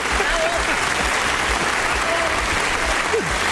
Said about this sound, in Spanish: Pues, mira, y qué aplauso ¡bravo! Tiene.